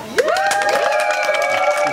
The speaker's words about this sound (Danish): Og nu skal vi så her er afgjort, og det er jo så publikum her, der skal bestemme, hvad vi skal høre. Må vi se, hvor meget I er med til at råbe her.